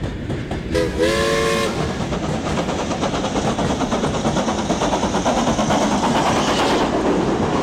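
A steam train on the Isle of Man Railway gives a brief shrill whistle near the start, a bit wavering and uneven, then the engine chuffs and rattles steadily along the track, loud, with no voices.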